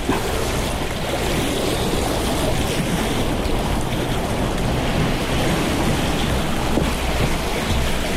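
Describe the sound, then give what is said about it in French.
A steady, loud roar of ocean surf, with waves washing continuously against the shore below a greyish, eroded cliff and no distinct breaks between them. No voices are heard. “Un peu des vagues et remonte cette falaise grisâtre dont l'érosion ressemble à des mosaïques, des formes géométriques”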